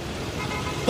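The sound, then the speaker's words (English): A steady low rumble of idling vehicles in a daytime bumper-to-bumper traffic jam spanning an 8-lane highway, at the opening of the film Office Space, ending with a sudden louder surge of engine noise. No one speaks. “Daytime, a traffic jam spans an 8-lane highway.”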